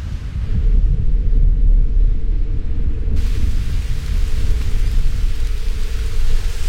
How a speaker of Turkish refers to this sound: Kendime yağmurdan saklanacak bir yer buldum. Dışarıda berbat bir hava var. Ama Himalayalar'da kendime bulduğum bu küçük köşe oturma odası gibi.